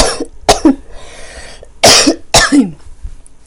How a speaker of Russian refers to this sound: Извините, это летний кашель. Есть и зимний. У меня летний кашель.